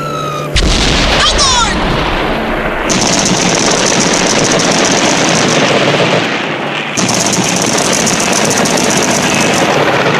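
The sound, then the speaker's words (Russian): Loud, relentless machine gun fire, shooting at two targets at once, rattles almost without pause through a battle, its rapid bursts dense and harsh, with heavier thuds mixed into the din. “Что же они сразу по двум бьют, дурехи?”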